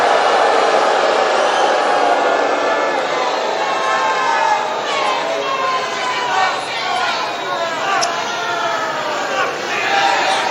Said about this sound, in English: A lot of crowd reaction. You heard somebody there just yell FCNN.